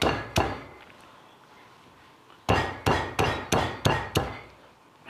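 Galangal is pounded with sharp, solid thuds to release its essential oils before it is boiled in soup. A single blow, then after a pause six loud, evenly spaced strikes in a steady rhythm, with no voices.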